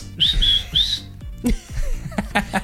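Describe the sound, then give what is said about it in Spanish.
A person whistles three quick, shrill, loud blasts in a row, mimicking a referee's whistle, followed by a brief mix of other noises. “Ay, ¿cómo se chifla?”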